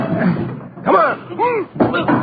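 Heavy blows against a front door being rammed, two loud thuds about a second apart, each followed by a swooping, groaning creak of straining wood.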